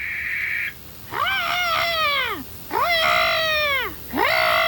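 A barn owl calls at night in a forest lit by a full moon: three drawn-out, wailing cries, each rising then sagging in pitch, loud, with short pauses between and no other sounds.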